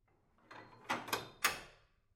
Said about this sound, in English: The bolt slides home behind him, which is somehow worse than the reverse.